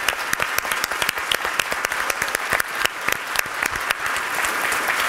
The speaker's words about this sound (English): A round of applause for everyone.